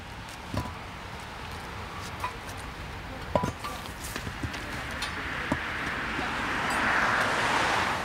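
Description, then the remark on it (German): Outdoors on a roadway, a street sweeper truck collecting debris piles rumbles steadily with broad brushing noise, scattered clicks and knocks of debris, the whooshing growing louder toward the end. “Nachdem der Kehrwagen die Haufen aufgesammelt hat, wird die Fahrbahn umgehend wieder für den Verkehr freigegeben.”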